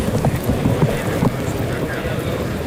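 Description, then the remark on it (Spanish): The horses of Sergio Galán, Sebastián Fernández and Lea Vicens clip-clop in a bullring. It is a quick, uneven run of hoofbeats, strongest in the first half, over a steady open-air background hiss like wind or a crowd. “En la zona de sol están Sergio Galán y Sebastián Fernández, en la zona de sombra está Lea Vicens, y ahí oímos los cascos de los caballos.”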